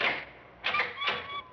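A parlor door swings open with a few drawn-out, high squeaky creaks, three rising bursts of hinge noise over about a second and a half, moderately loud with no voices.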